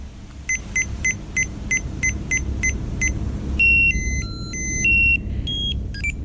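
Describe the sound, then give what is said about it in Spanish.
Electronic beeping of a Tamagotchi virtual pet toy from the 1990s: a run of about eight short, evenly spaced high-pitched bleeps, then a quick melodic jingle of tones stepping up and down, all over a steady low rumble. “Eso, así sonaba un Tamagotchi.”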